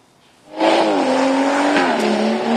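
After a brief quiet moment, a car engine roars and holds a loud, steady drone, its pitch dipping slightly, at a busy petrol station forecourt.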